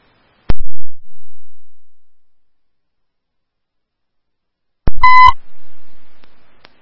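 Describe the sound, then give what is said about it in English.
A sharp click, then after a pause a brief, buzzy electronic tone burst, radio dispatch paging tones for Woodbury 3, loud and harmonically rich, lasting under half a second with no voices. “Woodbury 3, after you hear your tones, 4 radio drive at City Center, motor vehicle accident, unknown injury.”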